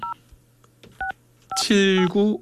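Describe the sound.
Three short, evenly spaced, clear two-tone keypad beeps of a telephone being dialed to call a radio quiz listener, followed by a voice speaking over a faint low hum.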